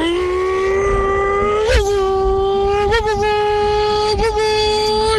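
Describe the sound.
A person imitates a revving car engine with a loud, steady buzzing drone, punctuated by three quick upward pitch surges like throttle blips, with no other sounds.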